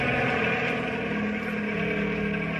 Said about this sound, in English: Hey, here comes the helicopter again. There's the spotlight.